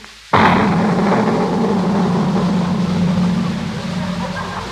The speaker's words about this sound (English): what in the world did you put in that cannon? It was just sort of a giant firecracker, Miss Brooks.